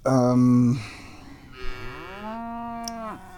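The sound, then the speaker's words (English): Cows moo loudly, one long low bellow followed by another drawn-out, rising moo, with no voices present. “looking at the cows, wondering why they're mooing. Because that's what they do”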